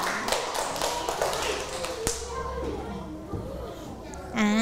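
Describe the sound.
A class of children claps in a quick, scattered burst of applause for a student who comes forward as group 3's representative to present an answer. The applause thins out after about two seconds, giving way to children's voices chattering and a brief high-pitched vocal at the end.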